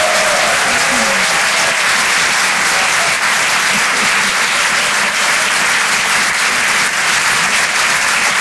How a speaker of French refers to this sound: Merci d'applaudir très fort pour sa première ce soir sur Rire et Chanson Comedy Club,